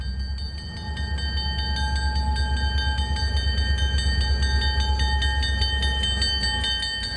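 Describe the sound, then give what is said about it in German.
The Rocky Mountaineer passenger train rolls slowly into a station in Canada with a heavy, steady low rumble and a sustained high metallic whine ringing above it, fairly loud, with no voices. “Gleich rollt der imposanteste Zug überhaupt ein, der berühmte Rocky Mountaineer.”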